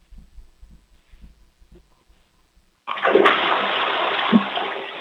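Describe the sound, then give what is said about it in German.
A loud toilet flush, set off during a children's sound game, bursts in with a broad, rushing roar of water that holds steady, after a few soft low thumps and shuffling noises in the quiet before it. “Wow, das ist ja eine tolle, laute Klospülung”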